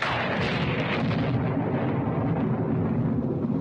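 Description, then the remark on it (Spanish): Deep, continuous thunder rumbles loudly and steadily throughout, with a rough, crackling texture layered over the heavy low roar. No voices are heard. “No te asustan los truenos, ¿verdad que no?”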